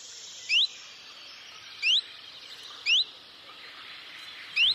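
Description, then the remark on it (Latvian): Four short, thin rising call notes from a small bird, a common chiffchaff, spaced about a second apart, repeated against a steady hiss of background ambience with no voices. “čunčiņš ziņo ar citu saucienu, taču tas arī līdzīgs.”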